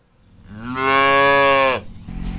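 A dairy cow, one of up to 20 cows weighing 1,200 to 1,600 pounds on a small dairy farm in East Bernstadt, Laurel County, lets out a single long, loud moo that swells, holds steady and then cuts off, with faint farmyard background noise around it.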